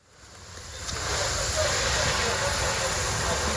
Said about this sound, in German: Ein Feuerwehrmann schreitet im Morgengrauen über ein verkohltes Gelände. Seine Kollegen löschen letzte lodernde Flammen. Einsätze wie diese sind in der Ukraine Routine, so wie hier in einem Gewerbegebiet im Süden Kiews.